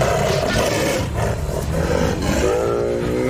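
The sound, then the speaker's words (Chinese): A male Bengal tiger, Matkasur, roars and snarls loudly while confronting a mother sloth bear, a rough, low growling that swells in several repeated bursts over a few seconds, with no voices present. “懒熊妈妈挺起身子，让自己看起来尽量高大一些，面对实力强劲的雄性孟加拉虎，她生还的概率微乎其微。”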